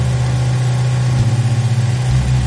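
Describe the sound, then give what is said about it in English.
A boat motor idles, a steady low throbbing drone with a slight pulsing rhythm that holds for the whole stretch, on one of a couple of boats launched by Sheriff Brett Stacy at a place called Whiskey Bay. No voices are heard. “Sheriff Brett Stacy launched a couple of boats to show us one of the first places he and his deputies thought to look.”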